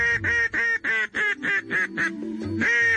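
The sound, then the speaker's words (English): An artificial duck call, a device used to attract ducks, blown in a quick, steady series of about eight loud, reedy quacks, the last few running together into a longer drawn-out note, with no voices. “In the case of a duck call, you're really communicating with them when you blow these things.”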